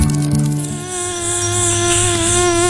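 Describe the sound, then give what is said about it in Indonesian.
An Anopheles mosquito buzzes in a steady, high-pitched whine that holds throughout, loud and continuous, with no voices. “Aku Nyamuk Anopheles, si pembawa penyakit malaria.”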